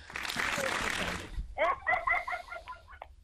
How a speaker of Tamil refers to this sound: சொன்னதுமே எவ்வளவு உற்சாகம், கரகோஷம், ஒரே சிரிப்பு சத்தம்.